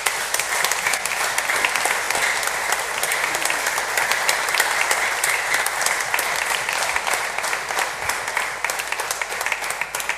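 Sustained audience applause at a novena, given in gratitude to a priest, a dense steady wash of many hands clapping at an even, fairly loud level throughout, with no talking over it.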